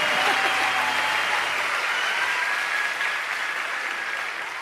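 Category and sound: crowd, applause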